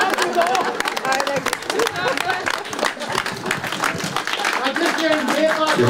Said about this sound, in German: zum Schluss gab es dann mehrere Zugaben und so war das wirklich ein ganz ausgezeichnetes musikalisches Erlebnis an diesem Sonntagnachmittag in der Alten Schmiede. Weiter klatschen!